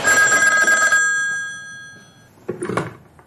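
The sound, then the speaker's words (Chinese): A telephone bell rings loudly for about a second, its metallic tone lingering and fading, followed by a few brief clattering knocks. No one speaks. “这时电话响了起来。”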